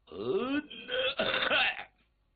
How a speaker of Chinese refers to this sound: 摆大份儿，咳嗽一声说明自己有身份有地位